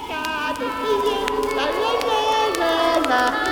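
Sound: children playing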